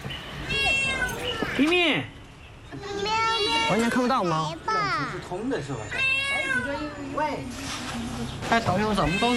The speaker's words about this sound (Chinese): 我看到了， 是只小猫，是只小猫。 我救了小猫猫， 它在左边。